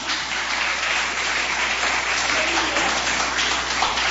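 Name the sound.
audience applauding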